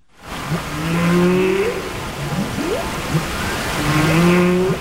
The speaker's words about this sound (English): we have news of an unusual musical collaboration between humans and the animal world, because a choir here in the UK has created a song featuring the sounds of humpback whales that inhabit the seas off Iceland.